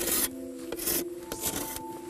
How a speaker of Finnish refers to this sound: Sitten sahalla putsaus.